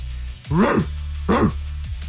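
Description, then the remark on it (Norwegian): A person imitates a dog as a sound effect tested on air, with two loud, barking yelps about a second apart, each a harsh voiced burst standing out over a low steady hum. “Jeg har skrevet ned noen lydeffekter her som jeg skal teste nå på lufta. Og ok, skal jeg rate dem, da? Du kan rate dem. Ok, først så har vi hund.”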